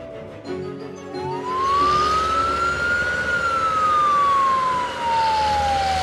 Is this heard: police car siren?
yes